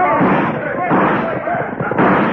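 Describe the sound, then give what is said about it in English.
Dense, rapid gunfire as a gang of road agents led by Pecos Rowley swoops down, guns blazing, after a Wells Fargo gold shipment reaches town; it crackles and booms continuously, loud, mixed with shouting voices in a muffled, lo-fi recording. “And then they swooped down, guns blazing.”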